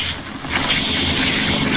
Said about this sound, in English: a car coming up the street. Quick, this way.